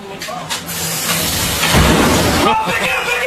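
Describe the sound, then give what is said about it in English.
A loud, sustained rushing roar of a blast of fire lit by a man at police officers trying to come into his apartment, a broad whooshing noise that swells to its peak midway with a deep rumble, while muffled voices sound underneath. “He lit a fire, a blast of fire at the police officers as they were trying to come into his apartment here.”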